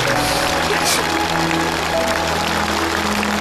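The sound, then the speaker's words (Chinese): Steady, dense applause from a crowd, a continuous rush of many hands clapping at an even loudness throughout, with a faint murmur of voices underneath. “你们其实是帮助一个离开家的孩子重新找回了家，你们帮助了一次团圆，我们应该给你鼓鼓掌。”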